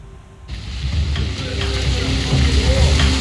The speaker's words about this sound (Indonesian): Inilah detik-detik saat badai petir hebat menerjang kawasan Toronto, Kanada. Rekaman amatir yang diverifikasi Reuters menunjukkan terjangan hujan es lebat serta angin kencang menghantam kendaraan di jalan.